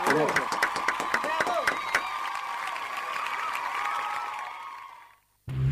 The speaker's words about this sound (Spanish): Exactamente, te quiero despedir con aplausos, gritos y ovación. Gracias, presidente.